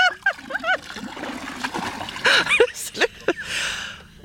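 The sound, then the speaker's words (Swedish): Water poured from a bailer in Mölle splashes down in a few bursts, with a broad hiss of water near the end, while people make brief vocal sounds around it. “Jag tar ett öskar och så häller jag ner här nu.”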